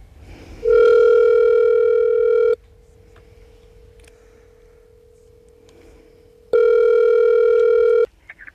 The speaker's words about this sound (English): Let's just take a little potluck here and put in a phone call this morning.